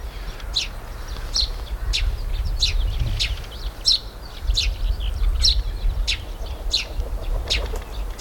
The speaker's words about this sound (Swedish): Hör man vingljuden från en duva som landade, en ringduva. Och så är det pilfink som kilpar.